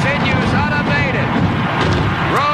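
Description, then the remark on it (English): Fireworks bang and crackle overhead at Riverfront Stadium in Cincinnati, an outdoor baseball stadium, after a base hit, nearly buried under a loud, continuous crowd roar with shouting voices and whistles throughout. “The fireworks exploding overhead.”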